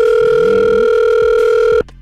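A phone line ringing out as a call is placed to a listener's cellphone: one loud, steady electronic ringback tone that holds for nearly two seconds before cutting off abruptly, with no voices.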